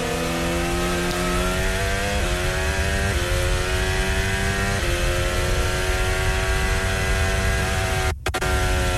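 Kimi Antonelli's Mercedes Formula 1 car overtaking Charles Leclerc during a race, its engine screaming at high revs, pitch climbing steadily and dropping briefly at several quick gear shifts, loud and continuous with no voices, then cutting out abruptly near the end.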